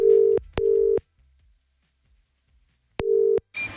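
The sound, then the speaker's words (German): A telephone ringing tone heard down the line after dialing a petrol station's number: a steady mid-pitched double burst, a two-second silence, then the tone returns. Each burst starts with a click, and no one speaks. “Moment, hier schon mal Telefonnummer gewählt und...”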